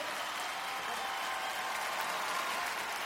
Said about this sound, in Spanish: Yo quiero que usted reciba con un fuerte aplauso en esta noche en Radio Salvación.